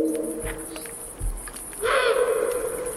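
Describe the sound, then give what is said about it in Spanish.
A female Eurasian eagle-owl at the Portilla del Tiétar in Monfragüe, between two huge rocky cliffs, gives a harsh, barking call that swells in the second half, rough and fairly loud, over a steady bed of insect chirring and low rumble. “Esa es la búa. ¿Ah, sí? Casi un ladrido a veces.”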